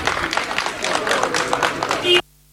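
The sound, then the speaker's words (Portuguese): A crowd of fans outside the national team's hotel in Gaia applauds loudly and steadily as the team leaves the hotel for training, dense clapping mixed with excited voices and cheers, for about two seconds before the sound cuts off abruptly. “Mais tarde, a seleção voltou a sair do hotel para ir para o treino e aí Jorge Jesus ouviu estes aplausos registados pela TV.”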